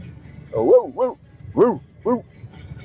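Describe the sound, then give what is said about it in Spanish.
A person at work in Maipú imitates a dog barking with four fairly loud woof-like yelps delivered in two quick pairs, over faint background noise and with no other talk. “Y te dejo mi ladrido de hoy.”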